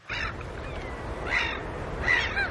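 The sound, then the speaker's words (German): A gull gives three harsh, squawking calls spaced about a second apart, the last one doubled, over a steady low rumble of waves, on the coast in Sweden in the middle of the night. “er beginnt aber mit einem Vogel”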